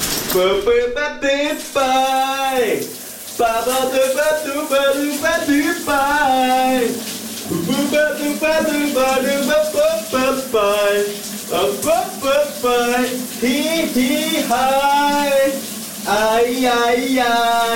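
A man sings a wavering, wordless-sounding melody while a shower sprays in a steady, continuous hiss underneath, the water noise never letting up through the whole song.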